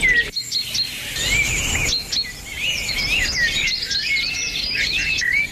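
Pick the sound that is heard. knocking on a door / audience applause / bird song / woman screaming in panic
bird song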